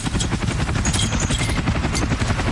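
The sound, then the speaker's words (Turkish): A loud, continuous engine drone with a rapid, chopping low-frequency pulse, like a small propeller aircraft running up, steady throughout with no voices. “Yoksa uçağın bu mu ha?”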